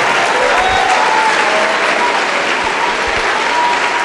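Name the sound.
audience applauding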